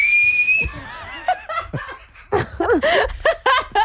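A clear, steady whistle sounds for about half a second at the start during a radio broadcast, then breaks into bursts of lively laughter and snickering from several people.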